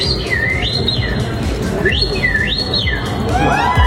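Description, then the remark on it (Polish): A person imitates birdsong at a past edition of the Polish Championships in bird imitation, with three swooping whistled phrases that rise and fall, clear and fairly loud over a steady hum of background noise, ending in a flurry of quicker chirps. “To nie ptaszek, moi drodzy, tak? To ktoś, kto ptaka naśladował.”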